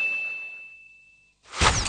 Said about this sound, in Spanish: Sonó la campana para el segundo round.